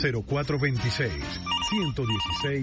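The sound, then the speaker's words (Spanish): A telephone bell trills in rapid repeated bursts, ringing twice in the second half at moderate volume while a voice speaks over it throughout. “Siempre tempranito, óyelo sonando.”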